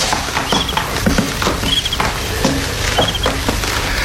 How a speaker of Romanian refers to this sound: Sărie greierii.